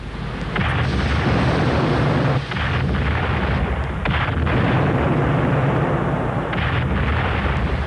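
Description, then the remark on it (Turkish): Heavy ship cannon fire from a sailing ship booms again and again, deep low blasts overlapping into a continuous rumbling barrage with several sharper bursts standing out, loud throughout with no voices. “Eventlerim, topçularım, ateş.”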